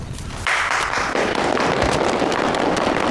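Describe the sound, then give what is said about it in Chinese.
A crowd bursts into applause after a brief quieter moment, the dense, crackling clapping staying loud and steady for a few seconds with no voices over it. “鼓掌就不必了吧，也没有几个在认真听。”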